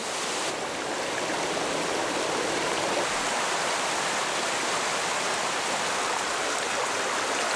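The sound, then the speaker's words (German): Storm floodwater streams rushing down from the Balkan Mountains toward the Danube valley in Bulgaria pour in a steady, dense roar, a broad hiss of churning water that holds the same loudness throughout with no voices. “Im nahen Balkangebirge verwandeln sich Rinnsale in reißende Bäche, schicken ihre Fluten hinab ins Donautal.”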